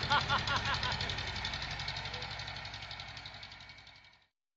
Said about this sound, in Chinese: 你这次开拖拉机上哪里去啊？